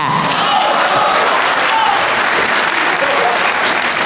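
A crowd applauds steadily and loudly for about four seconds, a dense wash of clapping with some cheering voices mixed in, holding an even level throughout.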